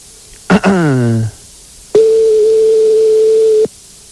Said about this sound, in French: Donc là, on est en train de composer le numéro de téléphone de McDonald's. Voilà, c'est en train de se faire. C'est parti, ça sonne.